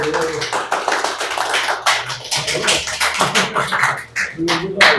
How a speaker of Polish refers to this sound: Słuchajcie, to są oklaski po cygańsku, bo nie wiadomo, czy wykład będzie, czy ta prelekcja będzie dobra.